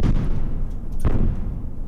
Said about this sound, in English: We heard these explosions for hours near NPR's bureau in Kyiv. The Russian attack started fires around the city and destroyed an apartment building, trapping residents under the rubble.